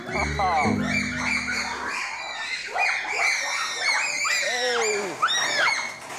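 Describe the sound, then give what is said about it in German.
A troop of monkeys screams in anticipation of a special cold treat in the heat: a dense, loud chorus of shrill, overlapping rising-and-falling shrieks that continue without pause, with a low droning hum underneath at the start. “Also teilweise, wenn sie so schreien, ist zum einen ein Warnlaut.”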